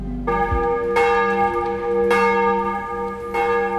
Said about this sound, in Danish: Der ringes til morgenandagt fra Vor Frue Kirke i København.